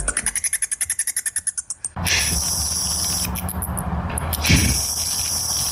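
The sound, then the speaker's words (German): Bat calls: a quick, even train of about fifteen sharp, high chirping pulses, followed by a steady high-pitched buzzing hiss with faint flutters running through it. “So hören sie Fledermäuse übrigens an.”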